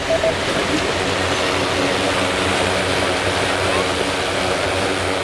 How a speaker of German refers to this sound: Bei der Waldbrandübung in der Nähe von Saarbrücken startet jetzt eine Drohne. Sie ist etwa so groß wie ein Kinderwagen. An der Unterseite sind zahlreiche Sensoren und Kameras montiert.